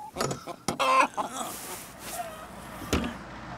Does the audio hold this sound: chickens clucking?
yes